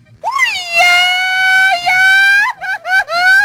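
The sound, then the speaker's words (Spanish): A loud, high-pitched scream rises sharply and holds for a couple of seconds, then breaks into a few short, choppy cries at the end. It stands alone, with no talking. “para que usted cada que escuche el sonidito, póngalo por ahí, señor productor, porfa, hágame paro, cada que usted escuche este grito.”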